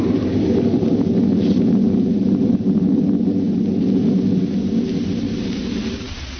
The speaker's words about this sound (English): Through the thunder crash, I heard her. And then the lightning struck, and I was falling through the air.